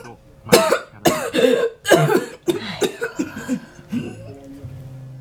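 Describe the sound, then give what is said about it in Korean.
A harsh fit of coughing: six or seven rough bursts in quick succession, loud at first and then weaker and more strained toward the end, with no talking around them. “대답 대신 수정은 기침했다. 요즘 기침을 하는 일이 잦았다.”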